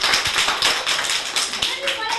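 A group of children clap for a classmate's correct quiz answer, a fast, continuous patter of sharp hand claps, loud and steady throughout.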